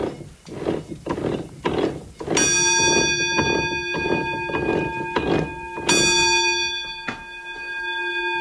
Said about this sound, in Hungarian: De előbb meghallottuk a vízikeréknek a szapora zaját, mint a csengőt.